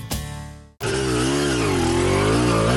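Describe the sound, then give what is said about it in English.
A motorcycle engine revs loudly, a short throttle blip that cuts off briefly, then surges into a sustained, rising roar as the bike accelerates. “The warm summer weather means more motorcycles are out enjoying Nevada roads.”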